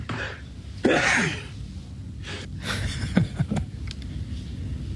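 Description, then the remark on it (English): A person sneezes four times in quick succession, with sharp breathy bursts and quick inhales between them and no talking. “That's a quadruple sneeze there, Father.”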